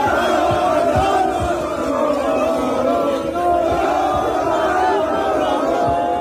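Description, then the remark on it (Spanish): A large crowd of Spanish football fans in the streets of the Murcia region chants and cheers in unison, celebrating Spain's qualification for the 2026 World Cup final, a loud, sustained wall of voices with rising and falling melodic lines and occasional thumping beats underneath. “Miles de aficionados salieron a las calles con banderas, cánticos y con bocinas para festejar el pase de la selección a la final.”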